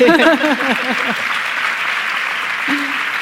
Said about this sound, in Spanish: Y hablamos de esto de la conciliación. Podéis aplaudir.